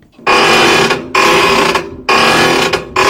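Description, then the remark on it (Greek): A rusty door hinge creaks loudly in three long, grinding strokes, each harsh and scraping with a shrill, squealing edge, separated by brief pauses and no voices. “Έχω μαζέψει το νούμερο 1 που πιστεύω ότι είναι, Γιώργο μου, ο σκουριασμένος με ντεσές πόρτας”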